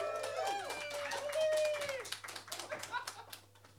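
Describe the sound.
An audience breaks into applause, many hands clapping in a dense crackle, with high whoops and cheering voices over the first half before the clapping continues alone, loud throughout.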